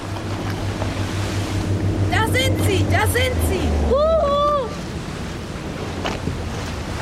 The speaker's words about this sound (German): Das Wassertaxi. Yippie, sie haben gedreht.